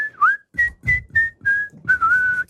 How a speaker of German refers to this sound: Die Papi pfeift doch immer so gut. Ja, geil, …. Aber immer das gleiche Kerli wie vor 50 Jahren.